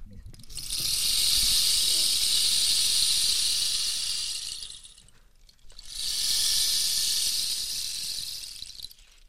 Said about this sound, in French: Donc voilà, ça c'était le bâton de pluie.